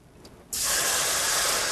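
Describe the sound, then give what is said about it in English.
After a brief quiet moment, 800 milliliters of water suddenly rushes into a pot on a switched-on stovetop with a loud, steady, hissing splash that continues unbroken to the end. No one speaks. “We're gonna need 800 milliliters of water.”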